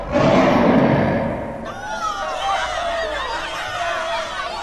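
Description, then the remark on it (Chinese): A crowd of some thirty or forty small demons cheers around a demon sitting at a cliff edge: a loud rushing roar opens, then many high, squealing voices whoop and holler over one another, a steady overlapping clamor that carries on to the end. “只见悟空纵身一跃，跃入云端，向下观望，果然有一个妖怪坐在悬崖边吹风吐雾，还有三四十个小妖怪围着他欢呼喝彩。”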